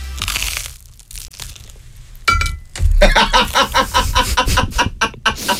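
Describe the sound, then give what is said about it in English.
A loud bite into a hard, buttered bagel, followed by a rapid run of crisp, crackling crunches as it is chewed, with quieter rustling before the bite. “Anyway, this is not soft at all. Listen to the crunch.”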